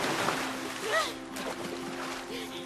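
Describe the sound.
Water splashes and churns steadily, close by, with brief shouts and voices of people playing mixed in over a low, constant hum.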